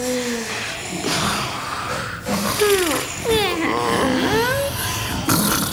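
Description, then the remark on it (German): Several people snore together in a steady, rumbling chorus, with wheezy, whistling rises and falls layered over the rough breathing. The sound is fairly loud, with no one speaking. “So, ihr Schnarchnasen. Jetzt ist es aber wirklich Zeit, wieder wach zu werden.”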